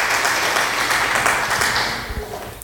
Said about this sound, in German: Ist der Applaus jetzt dafür, dass ich das lesen konnte?